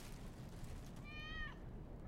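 A single high, thin kitten meow rises and falls over about half a second against a steady low background rumble of street noise. The kitten comes up to a man's feet on a street at night as he gives it some meat.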